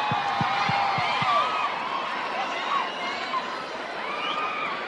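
A large crowd in Goiânia applauds and cheers steadily for about five seconds, a dense wash of clapping mixed with scattered shouts and whistles, with a few low thumps near the start.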